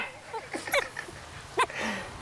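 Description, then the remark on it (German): A young wolf plays and tests its strength on the woman raising it, giving short, strained growls and high whimpering yelps in quick bursts, with a couple of sharper squeals standing out above a low, rumbling background. “Ein Wolf muss schließlich seine Kräfte testen, auch an Mama.”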